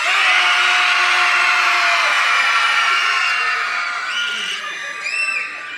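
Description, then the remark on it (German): An audience screams as loudly as it can in one sustained, dense roar, tapering slightly near the end as a few higher whoops and shrieks poke through. The scream is measured at 110 decibels in a contest to beat the 97 decibels of the Munich Radio Orchestra. “Jetzt schreit mal so laut ihr könnt.”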